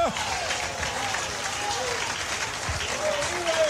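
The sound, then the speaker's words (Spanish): An audience raises their hands and claps together in worship, a dense, continuous wash of applause that holds steady and fairly loud for the whole stretch, with faint voices mixed in underneath. “Y aplaudiendo porque Cristo es mi Rey.”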